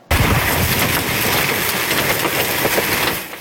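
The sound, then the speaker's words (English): Hail the size of loonies and golf balls pounds a town about an hour and a half south of Calgary, Alberta, on a Tuesday evening, in a loud, unbroken roar, dense with sharp clattering impacts that keep up steadily for a few seconds before cutting off, with no voices. “This is wild hail the size of loonies and golf balls hammering a town about an hour and a half south of Calgary Tuesday evening.”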